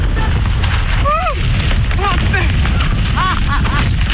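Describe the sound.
A skydiver in free fall: a loud, unbroken roar of rushing wind buffets the whole clip, while a voice cuts through with several short, pitched shouts or cries.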